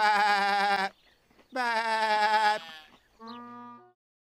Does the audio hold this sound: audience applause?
no